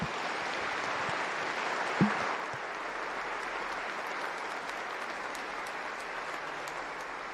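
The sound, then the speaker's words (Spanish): An audience at the parish of Nuestra Señora de Guadalupe breaks into sustained applause in thanks for the gift of the priesthood, a dense, steady wash of many hands clapping at even loudness for several seconds, with one sharper thump near the start and no voices. “Le damos un fuerte aplauso por este regalo del sacerdocio.”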